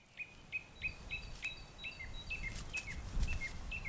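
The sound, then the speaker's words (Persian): Birds searching for ermine moth larvae call in a quick, steady series of short, high chirps, one after another over a low rumbling background noise; no one speaks. “اما فقط پرندگان نیستند که در جستجوی لارواها هستند.”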